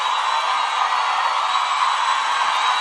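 A large crowd in Goiânia claps and cheers in a steady, dense roar of applause with scattered shouts and whoops, holding at an even loudness throughout.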